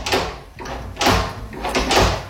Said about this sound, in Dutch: Het testen van de nieuwe klinken op de wc. Klinken? De deur klinken.